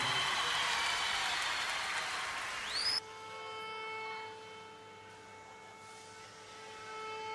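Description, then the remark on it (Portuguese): Loud, dense applause from a large audience giving a standing ovation to a performer fills the first few seconds, then cuts off abruptly and gives way to steady, sustained musical tones. “por tudo o que ele nos tem mostrado a nós angolanos, eu acho que ele merece o vosso aplauso de pé, senhoras e senhores.”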